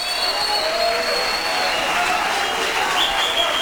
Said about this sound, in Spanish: Un fuerte aplauso a ese amor divino, a ese amor glorioso, a ese amor majestuoso.